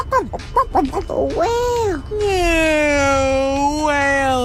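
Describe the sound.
A person's voice imitates a whale call: a few quick chirpy squeaks, a rising-and-falling wail, then a long sustained moaning tone that slowly dips and bends in pitch.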